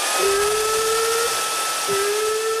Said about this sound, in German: Habt ihr einen Föhn? Haben wir.